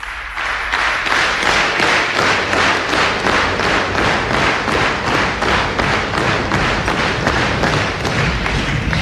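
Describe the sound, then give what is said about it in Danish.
Loud, sustained audience applause for entertainer Osvald Helmut, with a steady, rhythmic beat, as if the crowd is clapping in unison. It holds at an even level throughout with no voices. “Det bliver godt honningår efter alt det bifald.”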